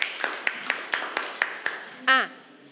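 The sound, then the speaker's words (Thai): A group claps in steady unison, about eight sharp, evenly spaced claps over a soft background hum, followed by a short voiced exclamation at the end. The applause is for classmates in group 3. “ปรบมือให้กับเพื่อนกลุ่มที่3ด้วยค่ะ”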